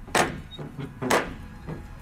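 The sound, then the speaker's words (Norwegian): An old, large brown metal ring door knocker strikes a heavy wooden door: two loud, resonant thuds about a second apart, each followed by a softer knock, with no voices. “Og sånn gammel dørklinke. Sånn skikkelig sånn ring, sånn i metall som ja. Du kan slå med.”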